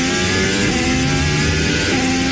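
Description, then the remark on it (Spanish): A Formula 1 single-seater racing car engine, from a car that can reach 378 km/h, screams loudly and continuously at high revs, its dense mechanical whine holding steady with no voices over it. “¿Escuchan eso? Es el sonido de un motor de un coche de Fórmula 1, un monoplaza que puede llegar a alcanzar los 378 kilómetros por hora.”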